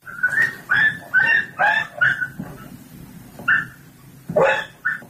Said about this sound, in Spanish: Tal vez han podido ver el vídeo en el que un vecino de San Bartolomé propina golpes a un perro, lo hace en la parte trasera de una furgoneta.